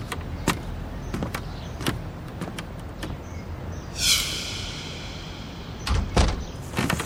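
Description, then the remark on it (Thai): A door of a house is opened to let in an arriving visitor: several sharp clicks and clunks of the handle and latch, then a brief sliding rush as it swings or slides, followed by a couple of firmer knocks. No one speaks. “ออกไปเปิดประตูให้เองค่ะ”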